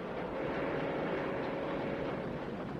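A train speeds along the rails across the desert in daytime with a steady, loud rumbling roar and a faint sustained hum running through it, continuous for the whole stretch with no voices.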